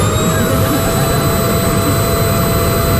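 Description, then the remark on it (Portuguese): A household vacuum cleaner, run at home by a family member, runs steadily, a loud, unbroken whooshing roar with a thin high-pitched whine on top, holding constant throughout with no voices. “E depois o som do barulho do aspirador.”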